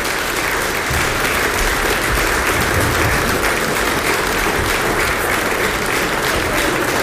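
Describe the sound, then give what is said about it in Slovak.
Sustained audience applause welcomes a guest coming onto the stage, a dense steady clatter of many hands clapping at an even loudness throughout, with no voices rising above it. “A v tejto chvíli už prichádza na naše pódium, poprosím, veľký potlesk.”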